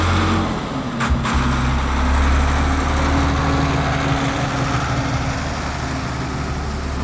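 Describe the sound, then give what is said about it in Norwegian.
A tractor engine rumbles steadily at low pitch, drifting around and drawing closer, with a couple of brief clanks early on and no talking. “Det var en traktor som panorerer, kjører litt rundt, nærmer seg, og etter hvert vil den stoppe.”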